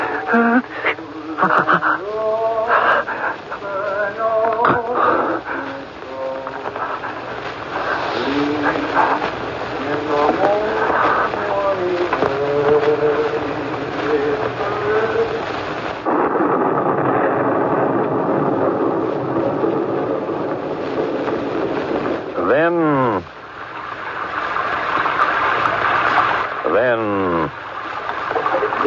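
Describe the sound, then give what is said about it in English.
Heavy rain pours in a dense, steady hiss that swells to fill the second half, following a stretch where people talk over fainter background noise. “carrying her in this rain. Let's wait a bit. Maybe it'll stop.”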